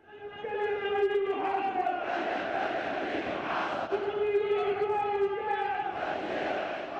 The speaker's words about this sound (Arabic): نفير تدفقت سيوله وفاضت أمواجه غير المسبوقة، تحشدت الجماهير بالغضب والتحدي، الرايات مشرعة، الهتافات مدوية، الرسائل واضحة